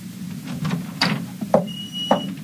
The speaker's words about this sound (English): I went down the hall and opened the door.